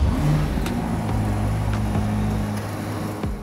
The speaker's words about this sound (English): No hybrid assistance here, and all the power goes to the rear wheels. Now, let's talk about numbers. Now, the 3.9 liter twin turbo V8 produces 640 horsepower and 760 Nm of torque, with the engine revving up to 7600 RPM.